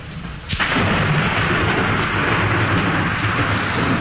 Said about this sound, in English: The sound of thunder.